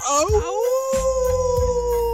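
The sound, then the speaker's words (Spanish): A person imitates a wolf howl, a single sustained rising then steady wail held for about two seconds, loud, with low rumbling background noise underneath. “Mi querido, el lobo.”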